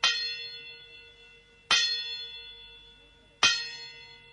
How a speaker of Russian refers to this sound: Прозвучало 4 негромких и затем 5 звонких мелодичных удара. Часы отбивали 5.